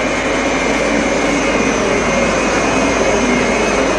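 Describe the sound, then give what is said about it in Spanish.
A jet aircraft, callsign Cometa 1, on its landing approach entering the runway at 130 knots: a loud, steady engine roar with a high, sustained whine layered on top, holding constant throughout with no voices. “Cometa 1 entrando a la pista. Velocidad 130 nudos.”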